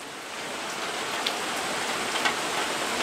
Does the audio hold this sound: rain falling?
yes